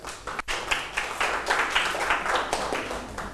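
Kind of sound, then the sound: crowd, classroom clapping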